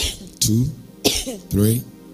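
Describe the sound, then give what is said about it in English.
Three forceful coughs in steady succession, each a sharp harsh burst trailing into a short voiced rasp, with brief pauses between them. “Just cough 5 times.”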